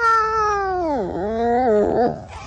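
A single long, wavering feline cry from a clouded leopard, an animal that lives on Kalimantan (Borneo), loud, sliding down in pitch then rising into a strained, yowling finish before fading.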